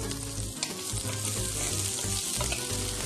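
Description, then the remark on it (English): Onions sizzle steadily in hot olive oil, a continuous crackling hiss with no pauses and no voices over it. “Can you hear the sizzle sizzle?”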